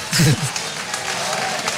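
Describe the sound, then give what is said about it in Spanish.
Sustained applause from a large, largely standing audience, steady and dense throughout, with a brief voice rising over it at the very start; an ovation for artist Jesús Méndez after his performance at the Velada de las Nieves. “con esa ovación que hace el público.”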